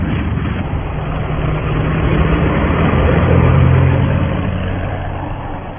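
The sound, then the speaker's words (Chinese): An airplane comes in to land at a snow-covered airport at dusk, with a steady, rumbling engine roar and a low droning hum. The roar swells through the middle, then eases slightly toward the end, with no voices. “晨昏中机场白雪皑皑，一架飞机徐徐降落，杜聿明前来机场迎接。”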